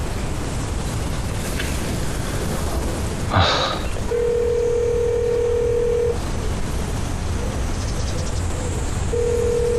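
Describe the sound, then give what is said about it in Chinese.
Over a steady windy hiss, a brief click-like burst comes first, then a long steady ringback tone sounds twice with a pause between: a phone call to a deputy mayor that rings with no answer. “给打一电话。”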